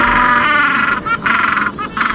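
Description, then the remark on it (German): A gentoo penguin brays loudly in a harsh, nasal, donkey-like call, with rapid pulsing bursts broken by brief gasping pauses, then resuming. “Der Name, der klingt ja schon ein bisschen wild, aber der kommt davon, wie diese Pinguinarten so klingen.”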